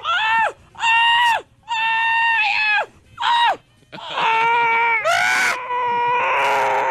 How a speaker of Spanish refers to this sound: ¡Qué gritadera!